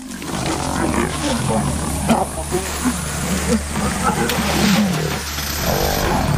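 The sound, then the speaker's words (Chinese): A group of lions roar and snarl while attacking and killing a leopard, a loud, continuous frenzy of overlapping growls. “狮子会本能地杀死与自己争夺食物的其他大型猫科动物。”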